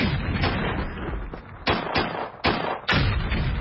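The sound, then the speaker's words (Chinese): Distant artillery fire from the south during the Huaihai Campaign, as Huang Baitao's army corps is encircled, rumbles on with a dense, low roar, broken by several sharper booms landing every half second or so, each swelling out of the continuous background thunder. No one speaks. “说话间从南边传来了隆隆的炮声。”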